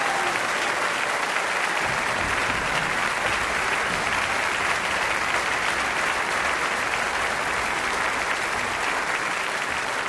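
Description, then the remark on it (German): Sustained audience applause for the Münchner Rundfunkorchester conducted by Patrick Hahn, a dense, steady wash of many hands clapping at an even loudness for about ten seconds, with no voices standing out above it. “Also das muss man auch einmal applaudieren, nicht?”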